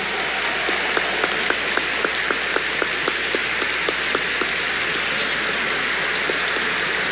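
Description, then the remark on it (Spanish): An audience applauds the new bishop of La Vega as he takes his seat, a dense wash of many hands clapping at an even level for the full length, with no voices above it. “Con ese aplauso lo felicitamos.”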